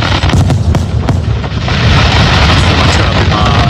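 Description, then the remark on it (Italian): Fireworks explode in a loud, dense barrage over a small field, sharp cracks and booms piling up over a constant rumbling roar with no pause, and no voices. “i fuochi che si vedeva, la trava questo cane”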